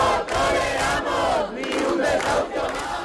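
A large protest crowd of hundreds of people camped on a Monday night in the Puerta del Sol, Madrid, Spain, amid falling temperatures, chants and shouts together in loud, sustained unison, voices overlapping in rhythmic bursts with brief dips between phrases.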